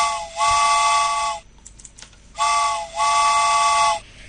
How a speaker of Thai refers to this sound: เอาล่ะพร้อมหรือยังถ้าพร้อมแล้วนะคะรถไฟมาเลยค่ะ